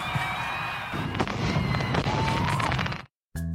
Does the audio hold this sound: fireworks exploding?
yes